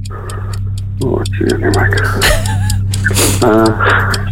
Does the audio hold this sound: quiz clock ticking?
yes